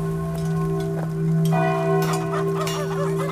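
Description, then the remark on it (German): Church bells ring out with a sustained, resonant hum that hangs steadily in the air, while faint bird chirps and twittering flutter through in the background. “Hörst du die Glocken, Mia? Da scheint ein Gottesdienst zu sein.”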